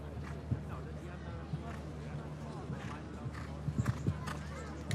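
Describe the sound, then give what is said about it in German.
Hoofbeats of the show-jumping horse Millfield Quickstar, ridden by William Whittaker in a faultless round, land as irregular muffled thuds, bunching into a quick run of louder strikes near the end, over a steady low hum and a murmur of voices. “Und letzte Woche in Belgien, in Lier, den großen Preis gewonnen mit diesem Pferd Quickstep hier.”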